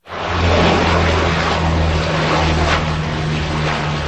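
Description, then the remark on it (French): A Canadair water-bomber propeller plane fighting wildfires around Lège-Cap-Ferret in Gironde, France, drones loudly and steadily overhead, its deep engine hum and broad rushing roar holding constant throughout without any voices. “Des avions, dont des Canadairs, effectuent des largages sur de larges zones.”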